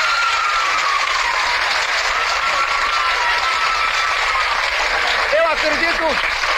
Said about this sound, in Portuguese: Uma salva de palmas para a Marta Rocha.